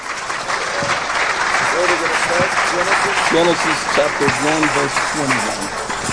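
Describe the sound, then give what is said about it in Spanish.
An audience applauds steadily for about six seconds as praise to the Lord during a bilingual English-Spanish church service, a loud, dense wash of many hands clapping, with voices calling out over the clapping midway through. “Give the Lord another hand of praise.”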